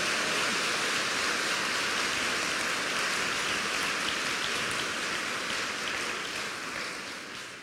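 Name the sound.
audience applause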